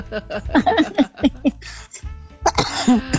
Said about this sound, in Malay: Lagi batuk, lagi agak serak-serak jadinya. Serak-serak.